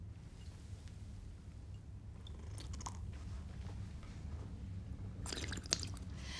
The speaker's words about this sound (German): So, zweimal drehen. Genau. In drei Schlucken trinken, mit Schlürfen dabei. Sonst war er nicht gut.